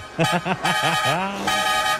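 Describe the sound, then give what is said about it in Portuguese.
A car horn honks in a quick run of short, loud toots, then gives a longer sustained blast that holds steady before fading into a continuing tone. “Chama na buzina, meu irmão!”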